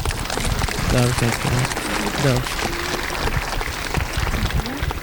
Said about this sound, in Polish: Serdeczne gratulacje i brawa jeszcze raz.